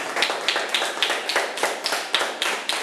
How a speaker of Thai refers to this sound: เก่งมากครับปรบมือครับ